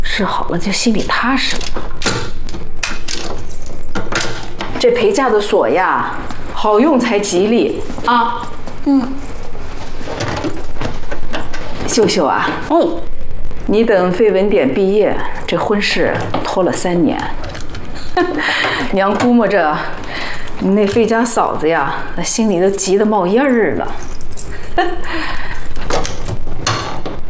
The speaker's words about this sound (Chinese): 哎，娘给你试试这个箱子的锁啊。 哎，娘，所有钥匙俺又抹了一遍油，都试过了，好用的。 还得试试。